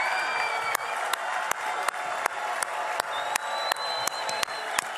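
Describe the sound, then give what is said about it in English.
A crowd cheers in joy and celebration for the Temple Mount to hear, applauding steadily, with dense clapping throughout, whistles and whoops rising above, and sharp louder claps punctuating the roar at irregular intervals. “Let's make the entire Temple Mount hear our cheers of joy and celebration.”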